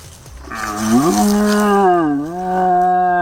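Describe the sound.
A person, Croatia's champion deer-call imitator, imitates a young red deer stag's rutting roar by blowing into a horn: one long, loud, droning bellow with a deep buzzing tone that wavers and dips midway before swelling again, with no talking.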